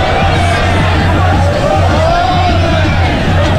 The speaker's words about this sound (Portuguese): Abri o microfone aqui na torcida.